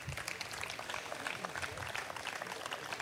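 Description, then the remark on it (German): An audience at the Karlsplatzfest applauds the volunteer initiatives steadily, a dense wash of many hands clapping at an even level throughout, with a faint murmur of voices beneath. “Ein Applaus auch für diese ehrenamtlichen Initiativen.”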